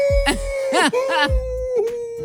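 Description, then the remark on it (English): A person imitates a wolf howl: one long, steady, fairly high sustained note that holds for about two seconds, broken by a few brief wavering vocal swoops and breathy bursts. “That's my sound of a wolf.”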